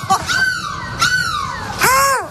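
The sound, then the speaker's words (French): Voices on a bus in Lille imitate seagull cries as a way of saying goodbye, with three loud, shrill calls in quick succession, each sliding up and then down in pitch. The last squawk is the longest and most drawn out. “J'ai envie qu'on se quitte, on se dit au revoir en cri de la mouette.”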